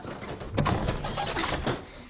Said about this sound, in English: The drawer is stuck. It needs to dry out. Sweetie, it's an antique. Yeah, well, that storm aged it another 50 years.